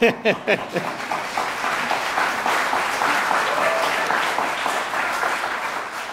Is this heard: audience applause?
yes